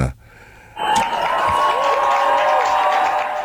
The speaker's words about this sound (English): And see if we can get some applause here.